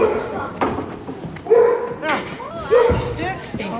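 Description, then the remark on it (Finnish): Five dogs bark in short, sharp yips, two louder ones standing out, amid a busy hubbub with thumps and background voices, during ring training at a dog show. “Nyt täällä treenataan rinkitreeninkiä kussejuuskoiritten kanssa. 5 koiraa treenaa.”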